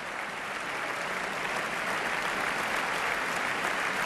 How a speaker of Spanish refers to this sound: Aplausos para las trompas y las tubas wagnerianas precisamente en este momento.